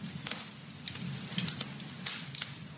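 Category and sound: nature, crackling fire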